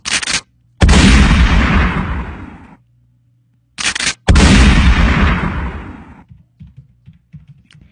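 Two loud gunfire sound effects, each a short sharp crack followed by a heavy blast that rolls and fades over a couple of seconds, with a pause between them and no talking.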